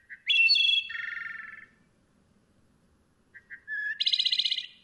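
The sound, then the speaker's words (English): A wood thrush sings two clear, flute-like phrases separated by a pause, each opening with soft introductory notes and ending in a buzzy, rapid trill, heard alone. “We can help wood thrushes and forest birds everywhere by conserving and restoring woodlands throughout the Americas.”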